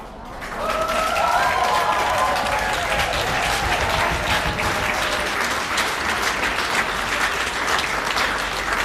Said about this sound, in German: Ein wunderschöner Applaus hat es da gegeben. Auf dem Petersplatz in Basel sind wir am eidgenössischen Jodlerfest.